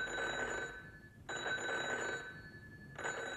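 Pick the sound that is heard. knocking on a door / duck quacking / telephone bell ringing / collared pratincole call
telephone bell ringing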